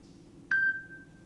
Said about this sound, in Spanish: Los estúpidos siguen llamando, no paran. Sacá el teléfono, te dije que te lo lleves. Yo no puedo creer. Hace 35 años que hago el programa y siguen llamando hasta ahora.